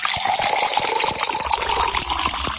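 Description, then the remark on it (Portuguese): Water pours steadily into a glass, a continuous splashing gush lasting a couple of seconds with no one speaking. “Nosso abraço em nome do Senhor e aquela aguinha da boa para você agora, hein?”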